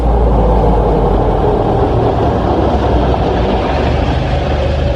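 A car driving along on a short trip to a beauty salon, with a steady, fairly loud low rumble of engine and road noise that stays even throughout, no voices.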